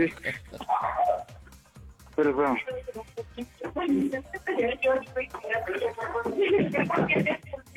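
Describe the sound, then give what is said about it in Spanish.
A dog barks in short repeated bursts during a Panda Show prank phone call, mixed in with people talking; the barks are mid-level, partly overlapping the voices. “Hasta el perro la está haciendo de tos.”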